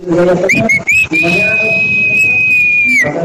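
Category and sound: human body sound, human whistle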